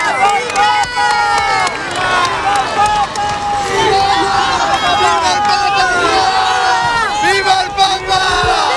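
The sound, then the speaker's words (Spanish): A large crowd shouts and cheers without pause as a car enters, with black, white and bay horses, in the heat. Many overlapping voices rise and fall in loud, excited calls that fill the whole stretch. “La hermosura de los caballos negros, blancos, bayos, blancos de nuevo, los gritos y el calor.”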